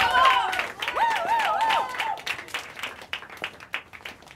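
A crowd claps and applauds in a dense, steady patter for the whole stretch, with high, wavering whoops and cheers rising over it during the first couple of seconds.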